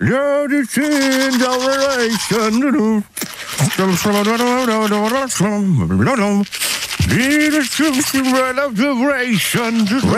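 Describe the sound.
Someone sings a melody through a mouthful of toothpaste while brushing their teeth with a toothbrush, the voice muffled and garbled, with scrubbing noise mixed in and a brief pause near the middle.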